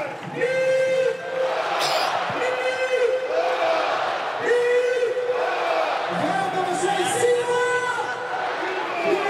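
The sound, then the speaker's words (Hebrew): A large stadium crowd roars and chants steadily, a dense wall of voices and cheering that stays loud and unbroken for the full stretch, applauding footballer Abdoulaye Seck in the 87th minute of a Maccabi Haifa match against Hapoel Tel Aviv, with Maccabi Haifa leading 4-1. “עכשיו עבדולאי סק ממשיך לקבל את הכבוד, את מחיאות הכפיים.”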